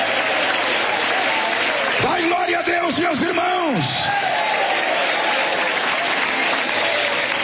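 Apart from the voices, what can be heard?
audience clapping hands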